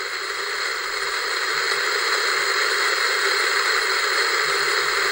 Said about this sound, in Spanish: Estás sintonizando la frecuencia. Esto que llamamos ruido blanco, que no es sino radiación cósmica atrapada entre parpadeos de fósforo.